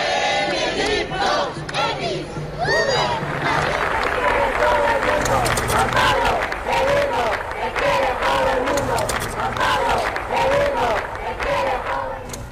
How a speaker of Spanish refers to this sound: Estos son algunos de los gritos que había que se escucharon en Madrid en las anteriores visitas de los papas Juan Pablo II y Benedicto XVI.